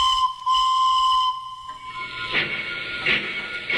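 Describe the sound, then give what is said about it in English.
A train's steam whistle sounds a long, steady, reedy tone that shifts briefly to a higher pitch, then gives way to loud rhythmic bursts of hissing steam. “Yes, a little nod to the resumption of train travel from Bunbury to Perth via the Australind, which is back on track this coming Monday, June 29.”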